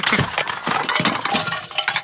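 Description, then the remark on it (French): A loud jumble of toys and books knocked over by a duck: books, construction toys and little toy cars tumble down with a rapid run of bright clattering knocks and clinks, like small hard pieces scattering, lasting about two seconds with no voices. “Le canard fait tout tomber sur son passage. Oh ? Les livres. Les jeux de construction. Les petites voitures.”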